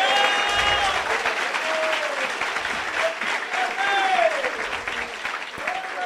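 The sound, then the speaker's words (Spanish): Sustained audience applause given to the glory of God's name, dense and steady for several seconds, with rising and falling voices cheering and calling out over the clapping. “A su nombre sea la gloria, dele fuerte ese aplauso, hermano.”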